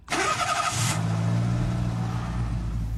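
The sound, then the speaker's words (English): A car engine cranks with a harsh burst of starter noise, then catches and settles into a loud, steady rumbling idle that revs slightly, with no talking, as the car is test driven out of Mick and Mac's Chop Shop into catacombs beneath the KOOP studios. “Yeah, this is where we test drive all our cars.”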